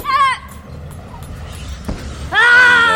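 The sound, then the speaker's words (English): Two loud, deep guttural martial arts yells, made by forcing the air up and out, ring out, a short sharp cry at the start and a longer sustained shout at the end, separated by a quieter stretch of low rumbling. “You force the air up and out and scream.”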